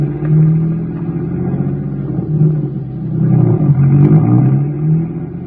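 A car engine rumbles steadily, its pitch rising and falling as it revs a few times. No voices, just the continuous motor drone throughout.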